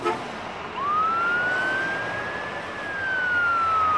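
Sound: emergency vehicle sirens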